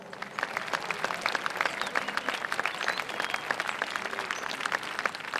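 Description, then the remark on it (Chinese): An audience applauds steadily, many hands clapping in a dense, crackling wash that holds an even loudness throughout, with no voices standing out, welcoming Academician Chen of the Chinese Academy of Sciences, chief commander of the China Spallation Neutron Source project. “下面让我们掌声有请工程总指挥中科院陈院士。”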